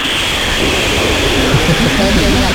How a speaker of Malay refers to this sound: Ini kita pun bingung mau kamu tuh bagaimana nih, lagi hujan deras di sana nih. Coba aja, masuk dulu kamar mandi atau kamar kantor biar nggak terlalu deras suara hujannya, Bang.